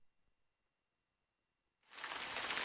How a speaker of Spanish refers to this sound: La lluvia.